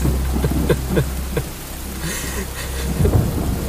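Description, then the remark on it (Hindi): Steady rain pours down after a long time without rain, a dense hiss with scattered drops pattering on a surface, while a deep low rumble of thunder rolls underneath throughout. “काफी अरसे बाद बारिश हुई है, सोचा थोड़ा मजा ही ले लो।”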